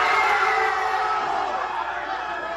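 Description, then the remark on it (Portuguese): A big crowd of Mexican football fans roars and shouts in celebration of a goal in the first half of a match against England, a dense, loud wall of cheering voices that holds steady for a few seconds before easing slightly. “Mas ele e outros torcedores mexicanos também soltaram a voz, dessa vez para gritar gol, ainda no primeiro tempo.”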